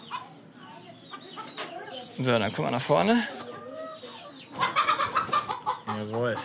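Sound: hens clucking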